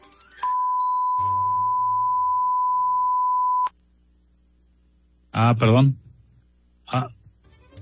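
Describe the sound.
A steady, high-pitched electronic bleep holds for about three seconds, covering a voice, then cuts off abruptly; afterward a person speaks briefly in short bursts.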